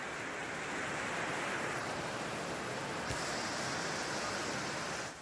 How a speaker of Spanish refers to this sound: Aunque lo parezca, no es un río, es una de las calles de la localidad tarraconense de Santa Bárbara. Las fuertes lluvias han provocado inundaciones como esa en Cataluña.